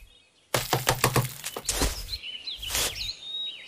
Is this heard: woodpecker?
yes